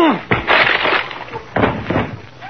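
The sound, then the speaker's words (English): A wooden door with no knob on this side smashes and splinters as Kingfish lunges at it and his head crashes through: a loud crunching burst, then a second cracking crash about a second later, with debris crackling between them. “I'm going to lunge at the door.”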